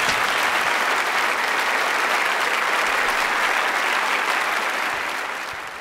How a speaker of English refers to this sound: I wasn't expecting the applause, but it was well deserved.